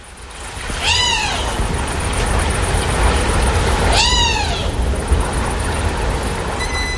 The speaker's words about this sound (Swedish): Ja, en flygfärdig rovfågelunge som sitter och skriker i skogen efter mat. Jag är lite osäker. Ormvråk eller duvhök.